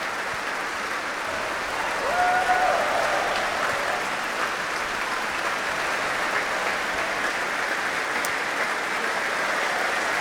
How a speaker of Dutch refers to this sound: Want dit publiek wil graag laten weten dat ze hebben genoten. Groot applaus nu voor